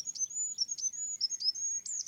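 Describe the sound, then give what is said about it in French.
A goldcrest's very high, thin song: a rapid series of sibilant notes with brief sharp accents repeating about every half second, clear against a quiet background, no voices. “Des petits oiseaux comme le roitelet, par exemple.”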